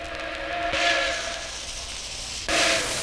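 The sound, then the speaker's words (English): A passing steam train: a steady, loud hiss of steam with harmonic tonal bands, swelling in two sharp bursts of venting steam, with no voices. “The passing of a train.”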